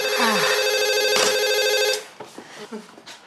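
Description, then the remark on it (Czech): A telephone rings loudly with a bright, sustained metallic trill for about two seconds, then cuts off abruptly, leaving faint, brief bits of talk behind it. “To je divný, že už to nezvoní, veď?”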